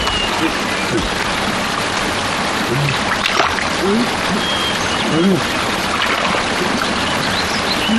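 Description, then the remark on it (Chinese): A large river flows with a steady, broad rushing wash that holds an even level throughout, while faint voices murmur briefly underneath. “我怎么听见前面有水声啊？”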